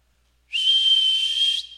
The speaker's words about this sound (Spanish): Con el pito, pitando. Así pitando, para que se fueran a subir los otros vagos igual que él.